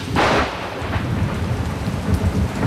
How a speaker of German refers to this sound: Und dazu Erfrischung. Dieses Mal einen Regen. Ist das gut? Mann, es ist so schön.